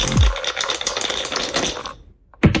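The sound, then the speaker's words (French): Two dice are thrown in a board game, rattling and clattering across a hard surface in a dense, busy burst lasting about two seconds, then a short pause before another sharp clack; the throw totals 6. Fairly loud, with no voices. “Vous allez lancer les dés. Il y en a deux.”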